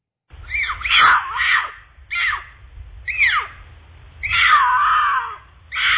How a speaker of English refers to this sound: here's the mating call of a mountain lion.